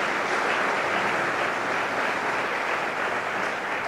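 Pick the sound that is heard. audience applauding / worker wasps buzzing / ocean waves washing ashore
audience applauding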